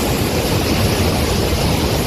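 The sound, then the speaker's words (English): Floodwater rushes down a hillside in Hawaii's Big Island during heavy rain from Hurricane Lala, in a steady, loud, full-bodied roar that holds constant throughout, with no voices and no breaks in the churning flow. “That is water rushing down a hillside in Hawaii over the weekend as parts of the island were slammed by Hurricane Lala.”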